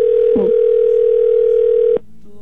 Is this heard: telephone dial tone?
yes